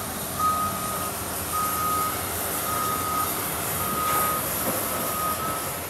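A forklift, used while a plane's cargo crates are unloaded, sounds its reversing alarm: five steady, mid-pitched beeps, each lasting over half a second at a regular pace, over a continuous rumble of engine and machinery noise.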